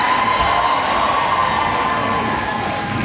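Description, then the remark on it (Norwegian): A theatre audience cheers after a play, a dense, steady roar of many voices and clapping that holds at the same loud level throughout, with no single voice standing out. “Tilbake i teatersalen er stykket over, og publikum er begeistret.”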